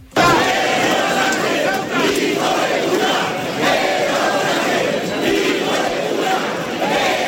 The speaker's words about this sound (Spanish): Lo que se escuchó varias veces en la plaza fue sobre todo gritos pidiendo la dimisión del presidente Sánchez, a veces llegando al insulto.